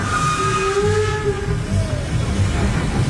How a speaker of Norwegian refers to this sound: Men toget glei rolig inn på Verma stasjon.